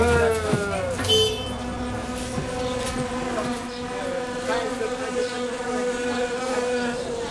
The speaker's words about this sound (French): Là, t'entends? Ce bruit qui ronronne, c'est lui. N'importe quoi. C'est des guêpes. Alors filons, on va se faire piquer.